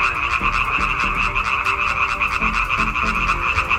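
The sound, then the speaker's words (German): A dense chorus of male frogs croaking continuously to win females, many overlapping calls forming a loud, steady pulsing drone with no gaps, full throughout. “Das Weibchen wählt in der Regel das Männchen mit dem schönsten, lautesten und längsten Quaken.”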